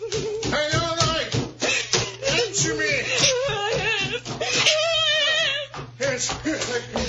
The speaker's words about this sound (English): I thought I heard you screaming when I came in.